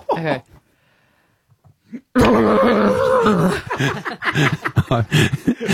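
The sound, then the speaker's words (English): A brief quiet pause, then a person loudly imitates a panicked horse trapped in a plastic bag, with strained, muffled whinnying and snorting noises that sputter on for several seconds. “I would like you to give to me a horse trapped in a plastic bag.”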